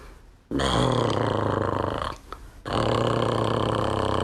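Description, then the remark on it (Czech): A voice imitates Ferda the horse snoring in a stable: a loud, rough, buzzing growl made from a deep breath, held in two long sustained stretches, broken by a short gasp-like dip in the middle. “Jako když Ferda v maštali začne chrápat.”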